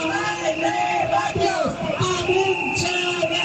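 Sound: protest crowd chanting slogans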